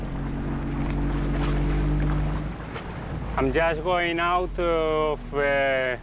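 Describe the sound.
A boat engine drones with a steady low hum for a couple of seconds as the boat leaves the harbour of Formentera, heading for anchorages off the island's beaches. Then a person starts talking over the continuing rumble of the motor and the water.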